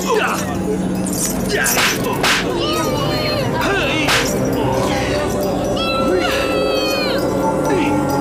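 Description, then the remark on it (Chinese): Several sharp whip lashes crack at irregular intervals, loud, while a voice cries out and groans in pain between the strikes over a busy background. “看你的骨头硬，还是我的鞭子硬！”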